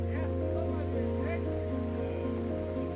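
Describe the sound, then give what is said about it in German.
Steady rain from a thunderstorm patters on a surface over a constant low rumble, with faint voice-like murmurs drifting in and out of the wash. “Es fängt an zu regnen. Ein Gewitter.”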